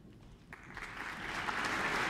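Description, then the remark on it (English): A New Zealand Symphony Orchestra concert audience breaks into applause for soprano Madeline Pierrard and the conductor as they come on stage, dense clapping that swells and grows steadily louder over a couple of seconds, with no voices heard. “Applause for soprano Madeline Pierrard and conductor Jim and you, who are sneaking onto stage early so that they can be nicely in place to follow Bridget Douglas's performance of Debussy's Syrinx.”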